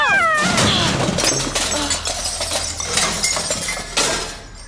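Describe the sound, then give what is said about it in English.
In an alley, the cat Boswell gives a sharp yowl, then a loud clattering crash comes as someone standing on a garbage can to reach the cat tumbles into it, followed by rattling, clinking metal and debris for several seconds. “I didn't tell you to knock me into the garbage can while you were doing it.”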